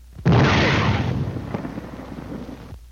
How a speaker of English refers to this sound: This is the way it sounds to the soldier under fire. First, the shriek of the shell as it passes overhead. Listen.